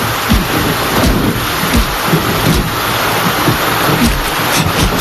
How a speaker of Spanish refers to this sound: recuerdo me trae esta lluvia.